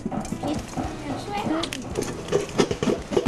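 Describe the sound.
Scattered sharp pops and crackles of rice grains bursting as they are roasted over a high flame in a hot pan to make puffed rice. The popping is irregular and heard beneath people talking.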